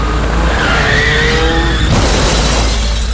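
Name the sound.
car tires skidding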